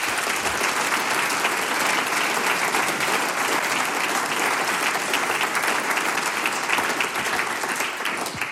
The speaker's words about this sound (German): Bitte um einen großen Applaus auch für unser heutiges Sump-Team.